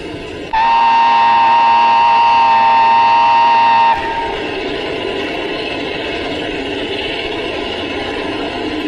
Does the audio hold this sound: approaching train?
yes